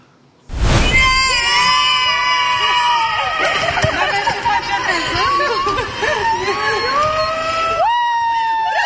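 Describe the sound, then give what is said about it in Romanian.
Actors from the cast of the film Eu Contez burst into loud, joyful cheering and shouting at Henri Coandă airport, welcoming Alina Șerban with flowers, with high-pitched whoops and yells layered over one another and kept up steadily for several seconds. “Alina Șerban a fost așteptată pe aeroportul Henri Coandă cu flori și urlete de bucurie de câțiva dintre actorii care fac parte din distribuția filmului Eu Contez.”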